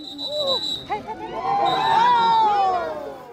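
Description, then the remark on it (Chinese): A large crowd of spectators cheers and shouts continuously as cyclists cross the finish line of the first stage of an international road race in Tibet, many voices blending into a loud, sustained roar that swells toward the middle, with a few higher excited yells rising above the din. “经过约3小时的长途跋涉，车手们终于在现场群众热烈的加油欢呼声中陆续冲过终点线。”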